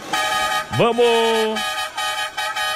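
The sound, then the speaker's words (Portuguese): A loud horn blares in a sustained tone, then a second blast swoops upward in pitch and holds steady, with voices chattering faintly in the background. “Dá uma chamada na buzina aí, produção.”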